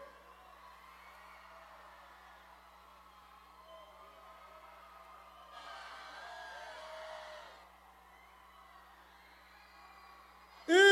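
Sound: crowd screaming loudly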